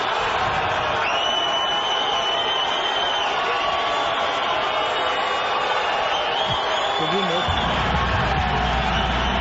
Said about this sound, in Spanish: Neymar Junior Santos. Y se queda callado Ancelotti dejando que la gente grite.